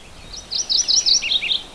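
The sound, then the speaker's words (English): A mourning warbler, a little back in the brush, sings a quick, rolling phrase of about eight clear, high chirping notes, moderately loud but slightly distant, with a purple finch also heard in the background, over a quiet, steady hiss with no one talking. “Another warbler you hear, you still hear purple finch in the background, is a morning warbler.”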